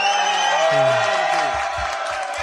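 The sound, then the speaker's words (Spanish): A crowd applauds and cheers in a steady, loud burst, dense clapping mixed with whoops and shouting voices that carries on for a couple of seconds. “Sí, un aplauso. ¡Vamos!”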